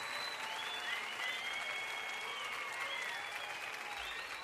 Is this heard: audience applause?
yes